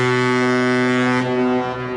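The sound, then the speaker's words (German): A deep, sustained horn of a cruise ship, the Symphony of the Seas or another large cruise liner, docking at the port of Barcelona, blares loudly and steadily for the whole moment, its low droning tone rich with harmonics, fading slightly toward the end. No one speaks. “Wenn am Hafen von Barcelona die Symphony of the Seas oder einer der anderen Ozeanriesen anlegt, hört sich das so an.”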